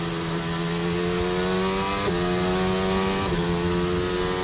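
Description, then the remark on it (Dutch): A Formula 1 car's engine wails continuously, with two quick pitch jumps as it shifts down to third and then second gear before accelerating away with a sustained high-revving whine. “Derde versnelling. Tweede versnelling en uitaccelereren.”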